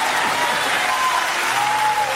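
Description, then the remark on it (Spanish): A large audience claps loudly and steadily, applauding God during a church sermon: a dense, continuous wash of applause for a couple of seconds with no pauses. “Vamos, vamos, aplauda a Dios fuerte, aplauda a Dios.”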